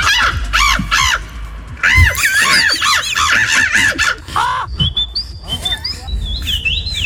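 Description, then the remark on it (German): A person imitates a bird at a bird-imitation championship, where contestants take turns at the microphone and a jury scores them, with a rapid run of loud, warbling chirps and squawks, then thinner, higher whistled trills, over a low background rumble. “Also, aber bei dieser Meisterschaft, da kommt wirklich einer nach dem anderen ans Mikro, macht einen Vogel nach und die Jury bewertet das dann.”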